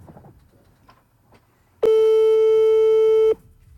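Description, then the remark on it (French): A phone line tone after the call cuts off: one loud, steady, mid-pitched electronic beep with a buzzy edge, lasting about a second and a half over faint background murmur. “Ça a coupé.”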